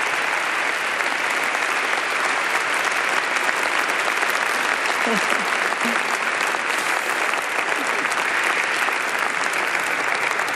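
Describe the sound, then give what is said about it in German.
Loud, sustained applause from an audience fills the whole clip, a dense steady patter of many hands clapping with no letup, and a brief faint voice surfacing midway. The audience is applauding the overall coordinator of a department for New Evangelization. “Also ihr dürft mir auf jeden Fall mal am Anfang einen großen Applaus geben, weil sie hat wirklich Tag und Nacht sehr viel gearbeitet.”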